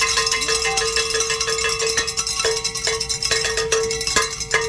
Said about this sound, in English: Wait a second. We get to celebrate. That's what that means. Oh, let's ring some bells.